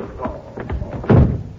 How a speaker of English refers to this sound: As soon as the guard passes, I'll grab him, slug him, and I'll grab his guns. Shh. He's coming. Now. Hey! Slug him, right?